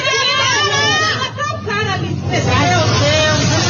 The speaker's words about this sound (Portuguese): Vai brigar com o motorista de ônibus, ou com o passageiro. E a briga foi registrada.